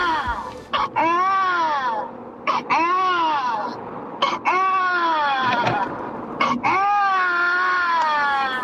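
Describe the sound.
An adult voice imitates a baby crying: about four loud, drawn-out wailing bursts, each rising then falling, with brief gasping pauses between them.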